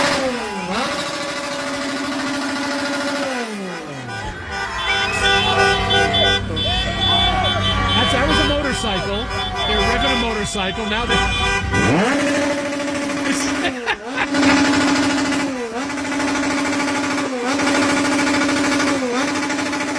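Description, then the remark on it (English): A din of car horns blaring outside a hotel, long sustained honks layered over one another almost without a break, loud and continuous, with street noise and a rumbling engine mixed in; Mexican fans honking to keep the Ecuador players from sleeping. “That sounds like what you expect to hear New Year's Eve at midnight with everybody beeping.”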